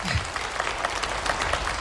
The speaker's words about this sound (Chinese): 身体都这样了，也不忘要掌声。